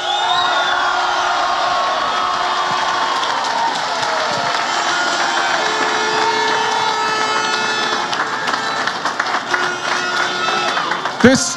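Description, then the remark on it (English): A large crowd of Mayo supporters roars and cheers continuously, celebrating a Mayo football victory, with applause and clapping throughout, loud and dense, with scattered shouts rising near the end. “Can we give them a right cheer this time, lads?”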